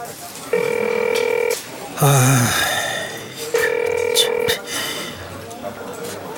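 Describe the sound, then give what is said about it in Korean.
A phone rings twice with steady electronic tones, each about a second long and a few seconds apart, as a call to a friend goes unanswered. Nobody picks up, and a brief voice-like sound comes between the rings. “병수 얘는 왜 이렇게 전화를 안 받아?”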